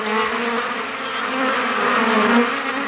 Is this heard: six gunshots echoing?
no